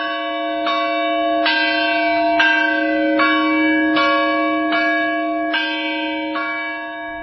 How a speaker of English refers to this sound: And they were actually retuning a church bell at the time. And I said, so how do you retune a church bell, this big lump of metal? Well, basically they clamp it into a clamp and spin it quite fast.